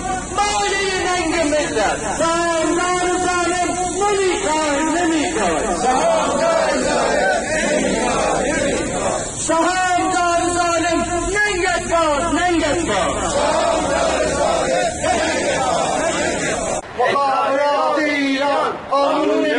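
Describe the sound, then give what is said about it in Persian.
A large crowd of telecommunications retirees at a protest rally in Kurdistan and Kermanshah, Iran, on a Monday, against policies of the Executive Headquarters and the IRGC Cooperative Foundation, chants together in loud, rhythmic bursts, many voices rising and falling in unison, with a continuous din of shouting and babble between chants. “بازنشستگان مخابرات در کردستان و کرمانشاه امروز دوشنبه در اعتراض به سیاست‌های ستاد اجرایی و بنیاد تعاون سپاه پاسداران و تأثیر آن بر تشدید بحران معیشت خانواده‌ها تجمع اعتراضی برگزار کردند.”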